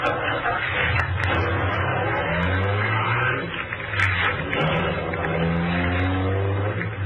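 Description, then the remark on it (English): A large limousine engine, an official car of the MVD, starts and runs, its steady drone rising and falling in pitch as it revs and accelerates away, with no voices present. “The ignition keys were there. I got in quickly.”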